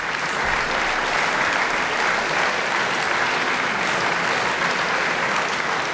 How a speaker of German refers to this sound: Begeisterter Beifall in der kleinen Beethoven-Halle in Bonn-Mufendorf. Letztes Jahr am 19. September für den Pianisten Fabian Müller.